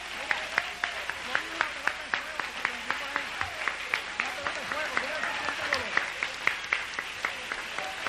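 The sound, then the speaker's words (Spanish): An audience applauds for Christ steadily, with sharp claps landing in a quick, regular rhythm, some voices in the crowd rising and falling beneath the clapping throughout. “Dale un aplauso a Cristo si tú crees que Dios está hecho.”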